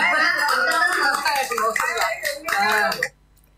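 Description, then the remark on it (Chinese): An audience applauds for about three seconds, a dense wash of clapping with voices mixed in, then it cuts off abruptly to near silence. “好，多谢嚟睇下啲掌声。”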